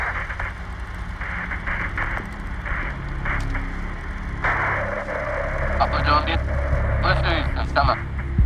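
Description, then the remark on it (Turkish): Crackling radio static and hiss fill the transmission channel of the radio signal from Apollo 11, with bursts of garbled, band-limited interference flaring up and fading over a steady low rumble. “Kartal, sinyalle parazit algılıyoruz.”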